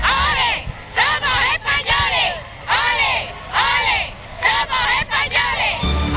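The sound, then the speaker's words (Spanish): A large, fervent crowd in the streets of Ceuta, Spain, welcoming the king and queen, chants in unison "olé, olé, olé, somos españoles", rhythmic rising-and-falling shouts repeated over and over, loud and continuous with swelling cheers between phrases. “El pueblo ceutí salió en masa a la calle para recibir a los reyes, una multitud enfervorecida y apasionada que gritaba aquello de ole, ole, ole, somos españoles.”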